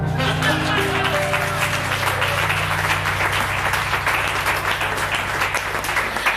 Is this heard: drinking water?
no